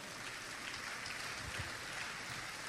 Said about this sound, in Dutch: Mag ik een amen horen? Kom maar, je mag de Heer een applaus geven.